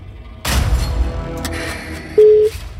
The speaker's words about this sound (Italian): 5 squille a disposizione. Che lo salvate. Sicuro. Salvatemi, per piacere. Ti salveranno a mani basse. Primo squillo.